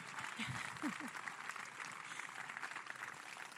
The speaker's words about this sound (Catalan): I jo vull que fem un fort aplaudiment per la comissió de festes, perquè sense aquesta costura la festa no seria possible i no seria patrimoni immaterial de la humanitat. Així que un fort aplaudiment.